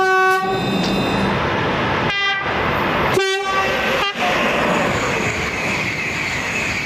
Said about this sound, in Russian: Гудок я использую для того, чтобы либо поздороваться с коллегами, либо оповестить людей о том, что я еду, особенно людей, которые переходят железнодорожные пути. И мы используем сигнал повышенной громкости, это называется у нас тифон.